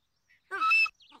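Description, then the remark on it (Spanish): Franklin's feather whistle gives one short, shrill blast with a buzzy, reedy tone and a slight pitch bend, lasting under half a second, followed by faint chirpy trailing sounds. “Se llama silbato de pluma, pero no costó ni un centavo.”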